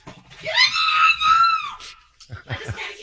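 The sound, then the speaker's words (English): A long, high-pitched scream from people on a video, as a moose tries to stomp small dogs in a yard, rises and holds for about a second and a half, then trails off, followed by a few shorter, rougher vocal bursts and sharp thumps. “I'm assuming that there's a lot of screaming involved.”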